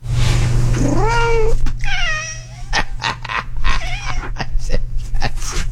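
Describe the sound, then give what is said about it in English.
A cat meows several times, loud drawn-out cries with rising and wavering pitch, mixed with short clicking noises over a steady low hum. “I am not a cat person. How could you not be listening to that?”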